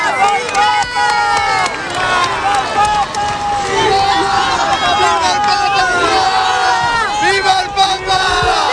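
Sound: crowd shouting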